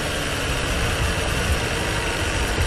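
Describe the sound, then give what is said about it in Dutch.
The engine of Russell's racing car sputters and struggles as it fails and breaks down, a loud, continuous rough rumble with gritty low-end vibration throughout, and no voices. “Hij stopt ermee. Gaat gewoon kapot.”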